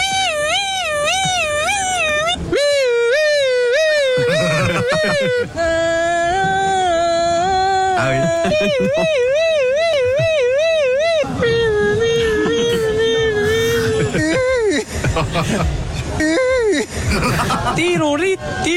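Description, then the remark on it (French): Passers-by, asked by a policeman what sound a police siren makes, vocally imitate a police siren, their voices warbling up and down in steady wailing pitch sweeps, several attempts overlapping with chuckles and brief talk between them. “Quel bruit fait la sirène de police?”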